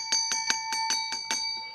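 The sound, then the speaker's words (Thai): A small bell rings in a quick run of about seven bright strikes, its metallic tone sustaining between hits and fading out at the end. Clear, with no voices. The bell signals that a viewer has a problem, in a Thai TV segment. “พี่น้องประชาชนท่านผู้ชมมีปัญหา ค่ะได้ยินเสียงกิ้งกิ้งนี่แปลว่ามีปัญหาแน่นอนค่ะ”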